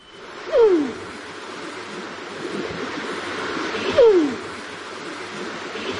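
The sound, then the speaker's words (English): Two soft, descending coos from a kererū (New Zealand pigeon), a few seconds apart, over a steady rushing background of wind or moving foliage, with no one speaking. “The New Zealand pigeon.”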